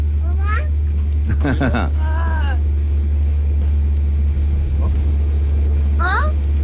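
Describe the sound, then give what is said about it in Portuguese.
A steady, loud low rumble of a car engine in traffic in Interlagos on a rainy day, heard from inside the vehicle while taking children to school, with a few short, high-pitched voices breaking in over it. “levando as crianças aqui para a escola, nesse trânsito, dia chuvoso.”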